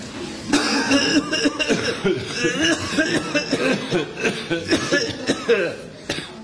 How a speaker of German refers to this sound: Ja, aber du hast gestern am Morgen noch nicht so gehustet. Ja, gell, unser Husten ist bald das Einzige, was man noch hört im Wald.